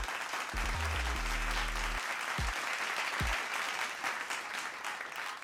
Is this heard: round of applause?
yes